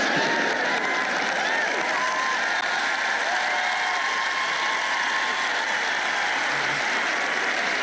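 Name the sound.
audience clapping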